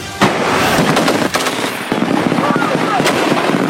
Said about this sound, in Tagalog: Sunod-sunod ang pinakawalang putok ng ground forces ng Philippine at Australian Army sa live fire exercise na ito sa Pasakaw, Camarines Sur.